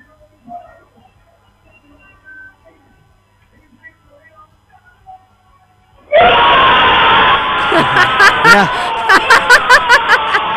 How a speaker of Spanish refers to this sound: Escuchamos las bocinas, gritas de los vecinos. ¿Ves? Ahí se escuchan.